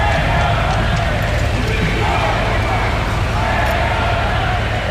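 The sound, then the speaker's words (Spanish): A loud, continuous crowd roar as spectators boo and shout insults at Spanish prime minister Pedro Sánchez on his arrival, jeering and shouting voices blending into a dense wall of noise, steady throughout. “No evitaba, eso sí, los abucheos e insultos por parte de algunos de los asistentes.”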